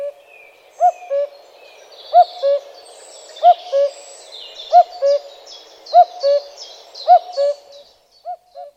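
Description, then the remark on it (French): A common cuckoo calls its two-note cuckoo about seven times at a steady, unhurried pace, clear, while other birds chirp and twitter faintly in the background. “Nous écoutons le coucou gris.”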